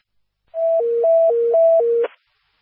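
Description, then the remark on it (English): A fire dispatch paging alert, the second tones for Lansing Township fire Station 51 on a medical call: two steady electronic tones alternate in a quick high-low pattern, about six steps, loud and clear, ending in a brief burst of static. “Stand by for second tones.”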